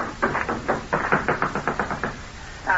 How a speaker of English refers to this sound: An a moment later, I heard the sound of running feet from the dock and the excited voices of the guards.